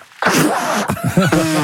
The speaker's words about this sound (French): Je déteste d'entendre les gens qui reniflent.